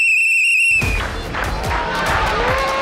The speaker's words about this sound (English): We have these whistles out for you, and the whistles are for the fact that you got the poll right, which is quite fantastic.